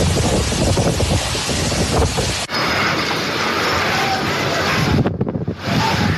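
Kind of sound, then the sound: nature, strong storm wind gusts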